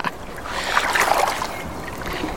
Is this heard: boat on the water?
yes